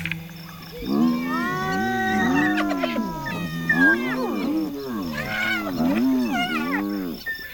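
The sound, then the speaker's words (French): A pack of hyenas bellow in a loud, continuous chorus, several overlapping calls swooping up and down in pitch with a wavering, moaning quality. No one speaks. “Qu'est-ce qui vous prend de beugler comme ça, les hyènes ?”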